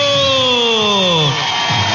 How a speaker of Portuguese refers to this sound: Palmas pra todo mundo.